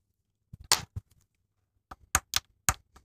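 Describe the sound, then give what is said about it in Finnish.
A teaspoon taps an apricot stone on a table in two short bursts of quick, sharp knocks, dull and thudding rather than ringing, with no one speaking. “Kuitenkin todistan tämän aprikoosin läsnäolon nyt koputtamalla pikkulusikalla aprikoosista jäänyttä kiveä.”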